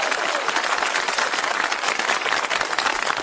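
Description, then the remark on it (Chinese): An audience applauds steadily, a dense wash of many hands clapping at an even level throughout, with no voices standing out. “你说观众不给你鼓掌吧，手已经伸出来了；给你鼓掌吧，心里不情愿。”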